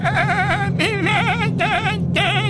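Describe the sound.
A voice imitates a baby goat with four loud, high, quavering bleats in quick succession, each wobbling in pitch with a shaky vibrato.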